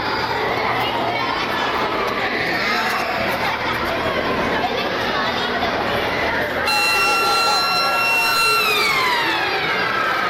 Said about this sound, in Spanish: Ha sido la primera sirena del curso, la que ha marcado el arranque de este curso 26-27 que hoy ha empezado para la mayoría de nuestros chiques.